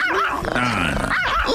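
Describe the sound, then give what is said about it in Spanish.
A small dog's yappy, high-pitched barks and growly yips play as a short buzzer-style sound effect triggered by a contestant pressing a button, loud, with a brief burst at the start and another near the end. “Ponle un perro de veras, ¿qué es eso? ¿Qué es eso? ¿Un chihuahua?”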